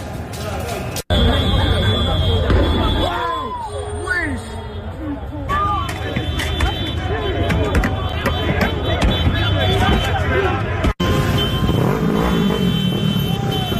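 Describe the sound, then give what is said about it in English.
A loud, chaotic street riot in Paris, France, after the Paris team won a Champions League game against Arsenal: a dense crowd shouting and clamoring nonstop, engines and traffic rumbling underneath, with scattered sharp pops and bangs of fireworks cutting through the din. “You had a situation where the Paris team won the Champions League game against Arsenal, and the people of Paris, at least a lot of them, decided to burn the city down, or at least try to, in response. This is what it sounded like.”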